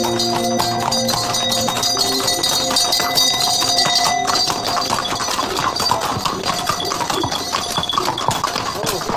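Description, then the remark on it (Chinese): Horse hooves clip-clop steadily with bright jingling bells ringing continuously over them, a busy, loud, unbroken procession of a horse and mule caravan on the Sichuan-Gansu-Qinghai Tea Horse Road at Songpan, China. “松潘城中至今流传着这样一句耳熟能详的名言，说的就是茶马古道马蹄嘚嘚铃声阵阵的繁忙景象。”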